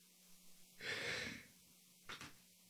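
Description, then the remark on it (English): A single long, breathy yawn followed by a short exhaled sigh, with no talking around it. “That was a big yawn.”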